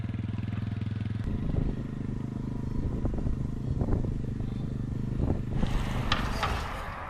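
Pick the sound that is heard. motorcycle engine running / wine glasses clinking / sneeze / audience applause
motorcycle engine running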